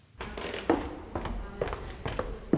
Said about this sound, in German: Das alte Rathaus in der Marburger Oberstadt. Holzvertäfelte Wände, knarrende Dielen. Das Gebäude wirkt, als wäre die Zeit hier stehen geblieben.